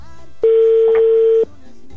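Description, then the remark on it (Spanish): A single steady electronic ringback tone from an outgoing phone call to a man's wife, one loud pure burst lasting about a second, with quiet background noise before and after it. “Ya está sonando, amigo, el teléfono de tu esposa.”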